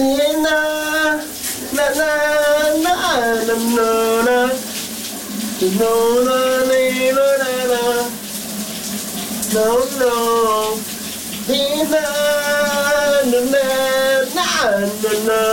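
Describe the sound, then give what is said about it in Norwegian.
A shower runs at the VLR radio station in Denmark on a Friday morning with a steady, loud hiss of spraying water while a man sings a wordless melody over it, his voice rising and falling throughout. “Sommeren er endelig kommet til Danmark, og det kan da godt være, at vi hen over weekenden kommer til at tage et dejligt, køligt brusebad.”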